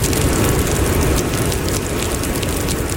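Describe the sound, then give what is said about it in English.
Heavy rain from tropical storm Jangmi pours down on Tokyo, Japan, in a loud, unbroken roar, a dense steady wash of noise with a deep rumbling undertone and no voices. “Heavy rain is battering Tokyo as tropical storm Jangmi sweeps in.”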